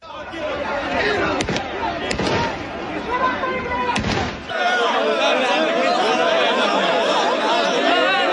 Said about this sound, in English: You could hear the sound of police firing shots in the air as they struggled to contain crowds of people.